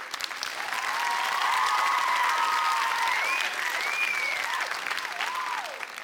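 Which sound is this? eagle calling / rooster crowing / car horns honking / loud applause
loud applause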